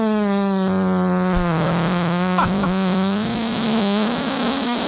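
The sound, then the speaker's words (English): A recorded fart from March 2021, long and continuous, buzzing for about five seconds at a steady low pitch with a few sputtering pops midway and a slight upward wobble at the end. No one speaks. “Yeah, because we also have a sea bass fart in the Lloyd's. In the best of folder.”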